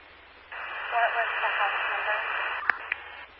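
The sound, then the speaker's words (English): A harsh burst of radio static hisses steadily for a few seconds, broken by a couple of sharp clicks near the end before cutting out abruptly. “With heavy static.”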